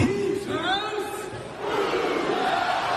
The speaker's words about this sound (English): Being able to get onto court and lead the Who's House, Cougs House chant was just an absolute dream come true. Hearing the roar back of Cougs House, truly a magical moment.